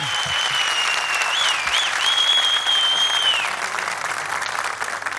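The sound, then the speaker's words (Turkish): An audience applauds the musicians and orchestra after a live performance, with dense clapping filling the whole stretch and a sustained high tone ringing over it for a while before the clapping eases slightly toward the end. “Öncelikle şöyle kıymetli ustalarımıza, müzisyenlere, orkestra ekibimize bir alkış.”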